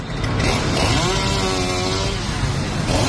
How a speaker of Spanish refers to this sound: El sonido de la motosierra alertaba a los viandantes y a Más Madrid, que denunciaba ya en el interior la tala de árboles en el entorno de la Plaza de Cibeles para la instalación de un escenario para la visita del Papa.